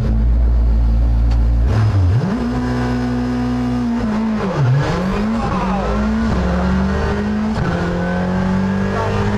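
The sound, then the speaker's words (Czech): The engine of a Fabia RS Rally 2 rally car roars loudly, its pitch climbing and dropping through repeated hard revs and gear changes, with tires squealing and no voices over it. “Tady bude prostor něco si říci, protože moje komentáře pod řevem motoru Fabie RS Rally 2 se zúžily na takové ty jako zatáčka, není to úzký, pozor, jsou tam vrata, a pak už jenom většinou wow, oh, ty kráso, taky krávo a tak dále.”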